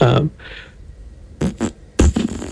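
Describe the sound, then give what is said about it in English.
Someone blows a few short, sputtering raspberry-like bursts with their mouth to imitate a fart, the last one longer and buzzier, fairly quiet. “Hang on, let me get in the mindset of someone farting.”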